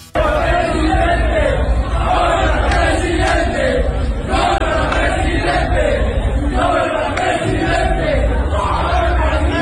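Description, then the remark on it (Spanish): A large stadium crowd shouts a rhythmic chant in unison, calling "presidente" at Jalisco governor Pablo Lemus while he is using the toilet at the stadium, the loud massed voices rising and falling in repeated phrases over a constant roar for the whole stretch. “Le gritan presidente a Pablo Lemus.”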